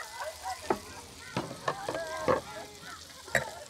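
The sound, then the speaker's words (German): Meatballs sizzle in a hot pan: a steady, low hiss broken by sharp pops and crackles at irregular intervals, with faint, indistinct voices murmuring underneath. “Da kocht schon, die Bällchen sind heiß.”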